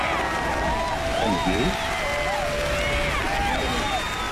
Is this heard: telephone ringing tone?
no